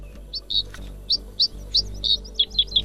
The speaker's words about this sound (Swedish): Kvitter och chatter eller underbar skönsång.